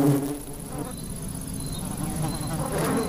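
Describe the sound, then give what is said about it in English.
Ivy bees buzz steadily around flowering ivy, a continuous low hum from several insects, rising and dipping slightly as they move, with no voices. “The ivy bee is completely dependent on the nectar and pollen of the ivy.”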